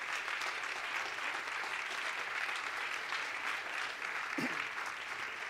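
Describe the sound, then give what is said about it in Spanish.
An audience applauds steadily for the King, God, a dense wash of many hands clapping at an even loudness throughout, with no talking over it. “Denle ese aplauso al Rey.”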